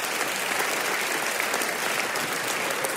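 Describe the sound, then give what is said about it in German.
Steady, dense applause from an audience clapping for themselves, a continuous wash of many hands clapping at even loudness for the full few seconds, with no voices standing out. “Kleiner Applaus für euch selbst an der Stelle.”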